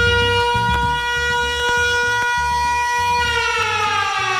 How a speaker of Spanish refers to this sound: Ay, que suene esa sirena, que suene.